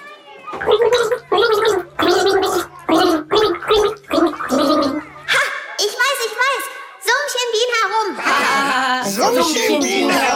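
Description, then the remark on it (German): Someone gargles a simple children's song melody, identified as "Summ, summ, summ, Bienchen summ herum", in a song-guessing game, the wet bubbling voice rising and falling through short sung phrases, loud and continuous, with a steady low hum under the first half. “Bitte schön, nimm einen Schluck, du bist dran.”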